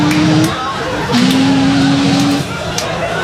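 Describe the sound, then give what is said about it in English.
A person voices a car speeding through a park at full speed, making two long, steady engine-like drones with a short break between them. The imitation is fairly loud and has no other talking around it. “All I can tell you is 10 minutes later, without exaggeration, 10 minutes later, I hear this bitch car coming through the park. Full speed.”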